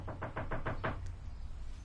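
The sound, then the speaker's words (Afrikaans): A rapid series of six firm knocks on a door early in the morning, evenly spaced, followed by quiet room tone with a low background hum. “wat hamer jy so vroegoggend aan my deur?”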